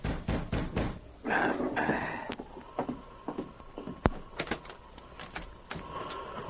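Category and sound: household object, knock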